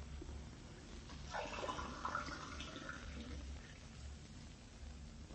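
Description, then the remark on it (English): A short burst of running water, like a tap filling a glass for a drink of water, rises for a couple of seconds and then fades, fairly quiet over a low background hum. “could I have a drink of water? Oh, sure thing. I'll have it for you in a jiffy.”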